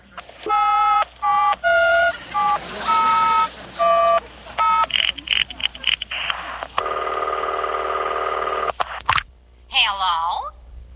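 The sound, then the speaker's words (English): A phone number picked from the phone book is dialed as a quick series of touch-tone beeps, each a short paired tone in uneven bursts, followed by a steady buzzing tone and a warbling ring, clear. “I'll just dial any number in the phone book.”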